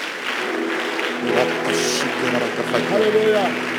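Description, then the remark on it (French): An audience claps hands steadily during prayer in a dense, continuous patter, with voices calling out and singing over the clapping throughout. “Nous tapons les mains, nous brisons l'auteur de notre malheur.”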